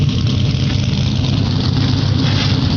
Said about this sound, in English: The sound of 36 NASCAR Craftsman Truck Series machines coming to life, getting ready for 200 laps of racing on a Friday night.